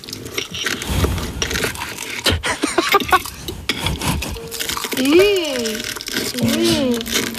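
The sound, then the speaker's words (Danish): Loud crunching and scraping of crispy spring rolls being made, a dense run of crackly bursts, followed by sliding tonal notes near the end. “Det var altså forårsruller.”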